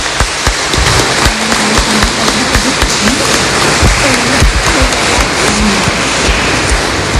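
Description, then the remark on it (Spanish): A parish audience claps steadily and loudly for several seconds for a priest, a dense, continuous patter of many hands with faint voices murmuring underneath. “Démosle un fuerte aplauso nuevamente”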